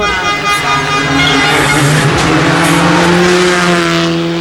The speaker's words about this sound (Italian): Questa era Luca Bertani con Stefano Oppimitti su Skoda Fabia Rally 2.